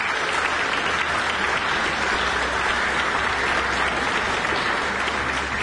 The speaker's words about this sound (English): Always good to hear applause for a New Zealand pianist, Stephen DePletch, and the piece Dreaming by Amy Beach.